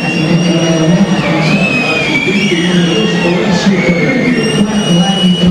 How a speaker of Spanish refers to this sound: Ya pasó. Pero, creo que fue los últimos aplausos que hubo.